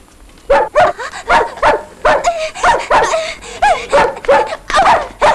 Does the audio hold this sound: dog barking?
yes